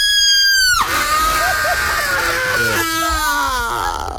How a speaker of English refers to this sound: I was going to say, if you need a girl for your films, I can scream really good.